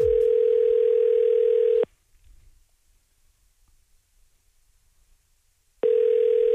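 A phone line rings out on an outgoing call: a steady, buzzy tone sounds for about two seconds, falls silent for roughly four, then starts again. No one speaks.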